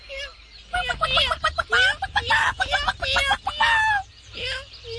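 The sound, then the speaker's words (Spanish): Hens cluck in a busy, overlapping flurry of short calls as they chase chicks around a ranch in Chihuahua, with higher peeping chirps mixed in, steady throughout before a brief lull and a final burst. “Las gallinas andaban correteando a los pollitos.”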